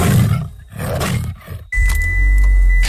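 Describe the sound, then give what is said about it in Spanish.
A loud tiger roar in a couple of growling bursts, then a sudden cut to a steady, heavy low rumble with a thin high whine over it. “Puro Tigre. Puro Tigre.”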